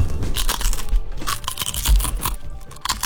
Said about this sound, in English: I'm glad you did that before I put my headphones on. That's gross. They're good crunchy potato chips. Yeah, they're not salty. I like them. Made in Iowa, too, folks. Support yeah. Iowa. Tallow cooked, too, so no seed oils, none of those things.